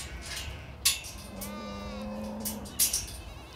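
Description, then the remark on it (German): A single drawn-out moo from Lahn cattle (Lahnvieh), a historic breed, steady, framed by a couple of sharp clattering knocks before and after, with no talking. “Das ist Lahnvieh. Historische Rasse.”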